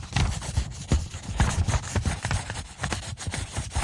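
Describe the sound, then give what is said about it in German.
A pencil scratches across paper in quick, uneven strokes, producing a continuous dry rasping with irregular bursts of emphasis, fairly loud and with no voices over it. “Ich möchte jetzt einmal mit einem Bleistift über meinen Bleistift, ich habe extra einen Bleistift und ein Blatt Papier heute mitgenommen.”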